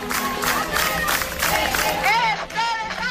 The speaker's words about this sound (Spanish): Un día antes, cientos de personas se manifiestan en la puerta de su casa, en la calle Alcalde Sainz de Baranda. Muchos de ellos acampan y pasan la noche allí para intentar frenar el desahucio.